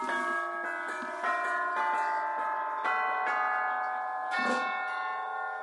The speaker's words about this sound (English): And then back here are the chimes from Dick Higgins, orchestral chimes.